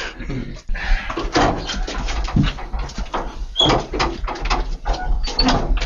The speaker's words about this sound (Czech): Ty krásný zvuky, schody.